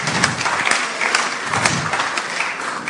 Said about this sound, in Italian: Ringraziamo la ministra con un grande applauso, perché veramente in questi giorni difficili averla qui per noi è stato un onore.